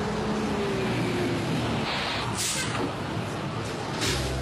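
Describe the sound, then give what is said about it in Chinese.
A No. 5 city bus pulls into a stop, its large engine rumbling steadily, the drone slowly dropping in pitch, with two sharp bursts of airy hissing like air brakes releasing. “五路公交车马上就要进站了，请大家集结排好队。”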